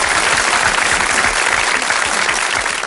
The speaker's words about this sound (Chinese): 好，鼓掌。